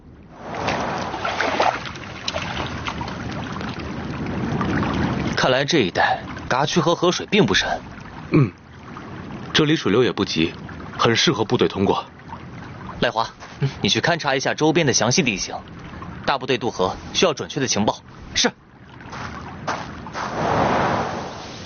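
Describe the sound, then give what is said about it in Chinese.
Gentle, steady rush of shallow river water with a slow current, at a spot suited for troops to cross, clear on its own at the start and end, with voices talking over the continuous wash in between. “看来这一带嘎区和河水并不深，这里水流也不急，很适合部队通过。”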